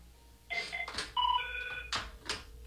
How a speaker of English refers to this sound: there goes the phone. I can't pick up the phone right now.